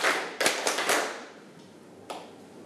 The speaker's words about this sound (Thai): ถ้าพร้อมแล้วปรบมือ5ครั้ง